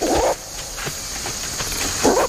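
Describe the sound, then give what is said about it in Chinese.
Two short, gruff warning barks from western lowland gorillas in Loango National Park, one at the start and one near the end, separated by a quiet pause, over a steady hiss of forest insects. “他们经常发出一种警示性的吠叫，你听。”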